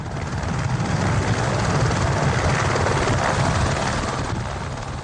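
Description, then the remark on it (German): A helicopter roars steadily, its rotor chop thudding rapidly beneath a dense wash of engine and wind noise, loud and unbroken throughout; the May 2005 record flight whose skids touched the summit of Mount Everest at 8,848 metres. “Es gibt Filmaufnahmen vom Flug, aufgrund welcher man vermuten könnte, ein Heli auf dem Mount Everest, na und?”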